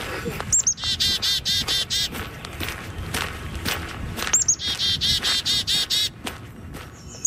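A bird sings two bright, rapid trilling phrases of repeated high chirps, each lasting a couple of seconds, in Edmonton, over a steady backdrop of rustling and crunching footstep-like noise.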